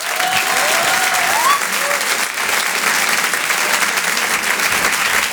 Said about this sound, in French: Je vous demande de l'applaudir très fort pour cet Open du Rire.